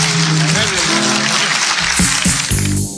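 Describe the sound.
Dense, steady applause fills the whole three seconds, loud and continuous, with voices calling out and cheering over the clapping.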